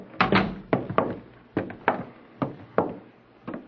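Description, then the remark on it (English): A door closes amid a run of dull wooden thuds coming at an uneven pace, with no talking. “Do come in and close the door.”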